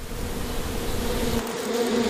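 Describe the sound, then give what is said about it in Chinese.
A steady swarm of bees buzzing continuously at a hollow log hung up by people for the bees to nest in, in a forest, a dense droning hum that holds level throughout with no voices. “我们知道，有蜜蜂的地方就有蜂蜜。”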